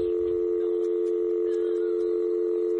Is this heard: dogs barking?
no